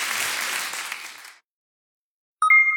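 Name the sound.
applause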